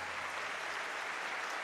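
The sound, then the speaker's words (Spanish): An audience applauds steadily for Jesus, a dense, continuous wash of many hands clapping at once with no voices standing out. “Vamos, dale un aplauso fuerte a Jesús.”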